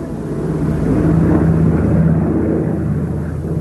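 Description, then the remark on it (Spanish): A C-130 propeller reconnaissance aircraft of the International Ice Patrol, used to track icebergs, drones steadily overhead, a loud, continuous low rumble with a humming engine tone that holds constant throughout, no voices present. “La Patrulla Internacional del Hielo controla los icebergs mediante imágenes por satélite, radar y aviones C-130 de reconocimiento.”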